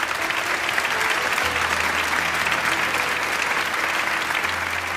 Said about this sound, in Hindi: ज़ोरदार तालियों की ये दरख्वास्त है।